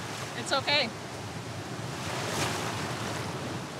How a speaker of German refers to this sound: Ich sehe keine gefährlichen Unterströmungen. Es gibt nur viele Wellen. Aber ist schon okay.